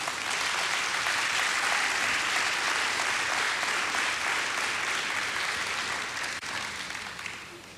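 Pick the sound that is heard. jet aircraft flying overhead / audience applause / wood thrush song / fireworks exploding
audience applause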